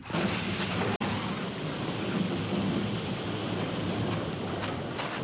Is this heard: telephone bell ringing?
no